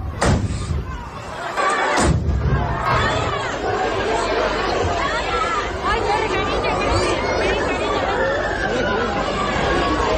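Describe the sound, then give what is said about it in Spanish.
Two sharp, loud bangs go off near the start, detonations in the middle of the town square in Noain at the chupinazo festival rocket launch, followed by a dense crowd shouting and clamoring continuously, a big outdoor throng filling the space with noisy, agitated voices. “Bueno, pues como escuchamos, esas detonaciones en mitad de la plaza, esos gritos y esas preocupaciones que escuchábamos por esas personas que se encontraban ahora mismo en ese momento en Noain.”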